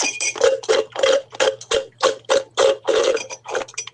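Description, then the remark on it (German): Someone slurps through a straw at the bottom of an emptied iced coffee, producing about a dozen loud, rattling gurgles in a quick, steady rhythm over a faint low hum. “Und so, lieber Christian, hört sich's an, wenn der Eiskaffee leer ist.”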